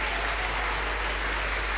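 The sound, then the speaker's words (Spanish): A crowd applauds the King steadily, a dense, even wash of many hands clapping at once that stays loud and unbroken for the whole couple of seconds, with no voices standing out. “¿Cuántos aplaudimos al Rey?”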